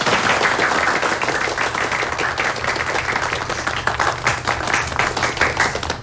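A crowd of people at the Fengqiao police station claps steadily and fairly loudly to welcome the newly appointed station chief before his speech, a dense, continuous patter of many hands that holds for the whole stretch without fading. No one speaks.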